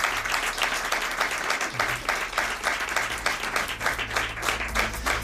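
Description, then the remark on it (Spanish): An audience breaks into sustained applause in thanks to colleagues at Radio Rioja, dense rapid clapping from many hands holding at a steady, fairly loud level throughout, with a low hum underneath and no talking. “sobre todo sin la ayuda de mis compañeros, ¿no?, de Radio Rioja, a quienes quería dar las gracias y un fuerte aplauso y abrazo.”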